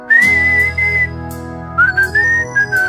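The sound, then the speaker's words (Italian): A person whistles a bright, sustained melody in imitation of a fife, the tune held in long notes with a short pause midway, over a steady low droning accompaniment. “Bravo a suonarlo, Fischio live. Non è il piffero questo?”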